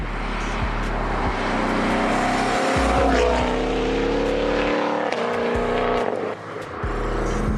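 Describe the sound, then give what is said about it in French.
An American Shelby GT500 sports car engine roars loudly, its deep rumble climbing and dropping through several revs and gear changes, with brief dips in the throaty growl and no talking over it. “Bon, du coup, cette Shelby GT500, c'est une vraie claque.”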